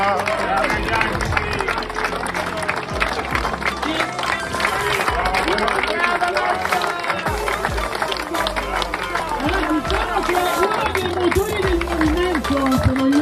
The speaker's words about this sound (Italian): vogliamo ringraziargli un applauso, perché senza di loro non potevamo più fare.